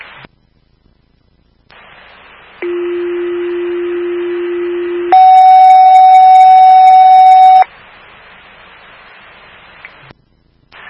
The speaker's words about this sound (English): Fire alarm at station 25, getting stuck on number 3 Cedar Oak Drive, that's 3 Cedar Oak Drive.